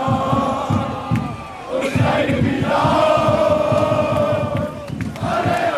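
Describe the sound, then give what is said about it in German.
A large crowd of football fans, an estimated 2,000 to 3,000 people on a peaceful fan march, chants together in a sustained, loud, rhythmic roar, voices blending into a continuous collective song with steady pulsing beats, energetic throughout. “Und du hast ja gerade auch schon den Fanmarsch angesprochen. Wir hören noch mal rein, da bin ich ja eben auch mitgegangen.”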